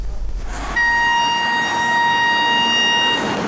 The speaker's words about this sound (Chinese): 随着56194公益慢火车缓缓停靠在乐山市沙湾区沙湾镇岱湾村的岱湾站，游客们有序下车，乘慢火车赏库区风光旅游线路火爆出圈，让沉寂的岱湾村人气暴涨。